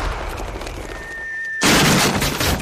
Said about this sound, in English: He's firing his recent furniture purchase from the cannon to his house.